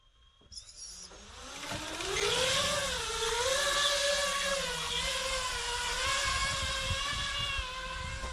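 Buzzing drone motors spin up after a brief click as the drone launches from a platform of soup cans during a range test, settling into a loud, steady whine whose pitch wavers up and down as it flies, with no voices present.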